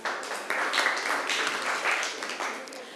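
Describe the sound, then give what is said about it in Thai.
A group of students in a class claps for themselves after a correct answer, a dense, steady patter of many hands lasting a few seconds at moderate loudness, with no one speaking over it. “รีดเอาทรัพย์ถูกต้องค่ะนักเรียนเก่งมากปรบมือให้ตัวเองหน่อย”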